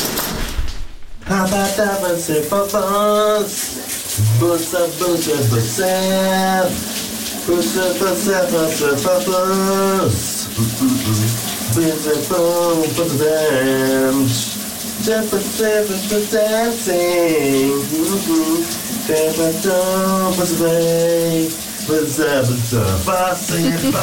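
A shower runs steadily throughout while a man hums an iconic hit song in the shower, his wordless tune rising and falling over the constant hiss of falling water.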